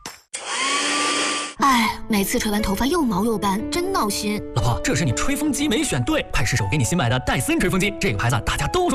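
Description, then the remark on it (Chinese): A hair dryer roars loudly for about a second as hair is dried, a steady airy whoosh with a motor hum, then cuts off as a woman begins talking over lively background music in a radio advertisement. “哎，每次吹完头发又毛又斑，真闹心。”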